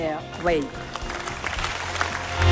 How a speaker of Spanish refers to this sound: Los aplausos al discurso sobre el estado de la Unión Europea de parte del hemiciclo en Estrasburgo del Parlamento Europeo a von der Leyen, la presidenta de la Comisión